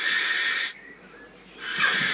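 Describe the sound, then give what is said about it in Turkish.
Two long, harsh hissing screeches from a barn owl, recorded in England by Dominic Garcia Hall, each lasting under a second, separated by a short pause; the calls are loud and breathy, with no other sounds around them. “Peçeli baykuşu Dominic Garcia Hall İngiltere'de.”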